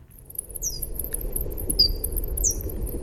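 Bat echolocation calls slowed down: a few high, downward-sweeping chirps at irregular intervals, over a steady thin high whine and a low background rumble. No one speaks.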